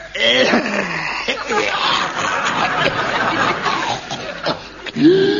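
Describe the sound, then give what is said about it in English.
A drawn-out, theatrical hacking cough, loud, full of rasping, wheezy throat noise and groaning vocal bursts that run for several seconds without a break. “That's a cough.”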